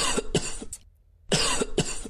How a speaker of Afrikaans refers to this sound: Maar omdat 'n droë hoes dikwels staan teenoor 'n hoes wat nat is of 'n produktiewe hoes, speel ons dan ook die klank in van hoe 'n produktiewe hoes klink.